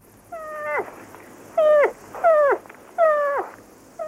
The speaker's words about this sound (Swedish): Fel, den älgkalv som låter sådär.